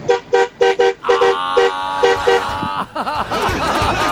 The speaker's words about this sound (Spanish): Ya toque la bocina.